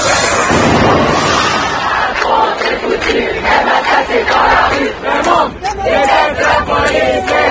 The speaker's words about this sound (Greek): Οι διαδηλωτές και οι αστυνομικοί ήρθαν αντιμέτωποι στην καρδιά της γαλλικής πρωτεύουσας. Διαδηλώσεις έγιναν σε πολλές γαλλικές πόλεις.